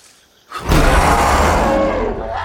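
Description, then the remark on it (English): A single loud, raspy roar from a baboon-like monkey with long snout and tusk-like canine teeth bursts in after a brief quiet and holds for about two seconds, harsh, with a rough, growling texture and no talking. “The roar reveals fearsome tusk-like canine teeth.”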